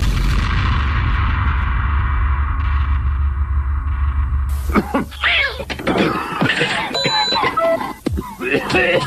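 A loud, rumbling drum roll sustains for about four and a half seconds, then cuts off abruptly as a voice begins speaking over a few short beeping tones.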